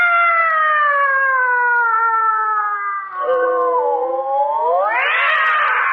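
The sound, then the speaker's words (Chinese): A voice imitates fighting cats with one long, loud yowl that slowly sinks in pitch, then sweeps sharply upward into a strained screech near the end. “你干嘛猫打架呀？”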